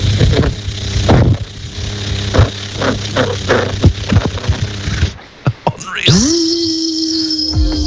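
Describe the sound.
A voice imitates a ride-on lawnmower engine for a Today FM listener competition: a rough, rattling drone with sputtering clicks, a brief break, then a rising rev that settles into a steady, buzzing high-pitched whine.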